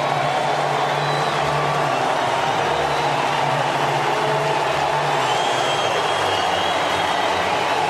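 A big stadium crowd in Detroit roars in a sustained ovation for Tigers pitcher Tarek Skubal as he leaves the game after 7 1/3 innings and 12 strikeouts, a dense, steady wash of cheering and clapping that stays loud and unbroken throughout, with no single voice standing out.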